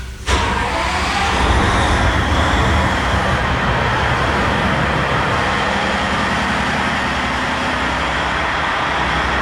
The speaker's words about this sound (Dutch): Zo, de motor wordt hier net opgestart van het binnenvaartschip Ronin.